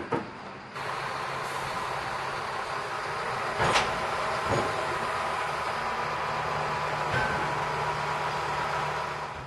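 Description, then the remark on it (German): A shunting tractor in the harbour shunting a train onto the Swedish mainland and into the Trelleborg ferry station: a steady, dense mechanical rumble with a low engine drone, broken by a few sharp metallic clanks and knocks, with no voices. “Im Hafen erwartet uns wieder der Rangiertraktor. Er wird den Zug auf das schwedische Festland und in den Fährbahnhof Trelleborg rangieren.”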